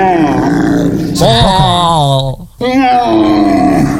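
A loud, hoarse roe deer call: drawn-out groaning and roaring cries with a rough, harmonic tone, briefly broken by a short gap before resuming just as forcefully.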